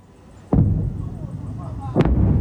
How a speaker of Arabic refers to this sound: أغرقت مسيرة بحرية أوكرانية زورقا مسيرا روسيا، في حين قالت كييف إنه أول اشتباك على الإطلاق بين مركبتين من هذا النوع. ونشرت البحرية مقطعا مصورا يظهر عملية إطلاق نار من زورق مسير أوكراني على آخر روسي في البحر الأسود.